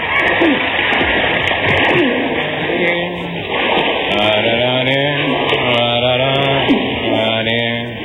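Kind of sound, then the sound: ambience, water splashing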